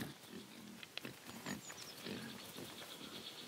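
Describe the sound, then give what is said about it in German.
Semi-wild Iberian black-footed pigs roaming freely in a cork oak forest, the Alcor Nocalis, grunt in a series of low, rough snorts at an uneven pace, with faint high chirps and a steady background hiss. No one speaks. “Iberische Schwarzfußschweine können sich hier genauso frei bewegen wie Schafe.”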